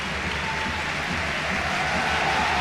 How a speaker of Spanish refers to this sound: Qué ovación para Mariano. Esto que habéis escuchado, este rugido, ha sido para recibir a Mariano Díaz en Mendizorroza.